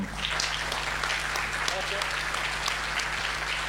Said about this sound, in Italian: Eccoci qua, eccoci, un bel applauso.